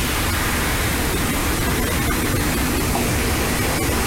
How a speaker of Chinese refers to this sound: 下一步开始烹汁，锅中加入少许热油，加入剁好的姜蒜末爆香。姜蒜末爆香之后，把香醋从锅边淋入